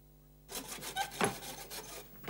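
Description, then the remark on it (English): Hammering as a man makes a desk with two drawers, a run of harsh, scraping knocks and bursts at an uneven rhythm, fairly loud, with no one talking. “Russell, stop that noise! Oh, he's hammering again.”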